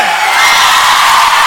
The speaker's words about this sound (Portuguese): Mais palmas pro …,